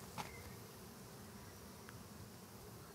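A steady, dense buzzing of many honeybees swarming around the hive, a continuous low hum with a brief louder click near the start and no voices.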